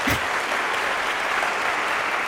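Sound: concert audience applause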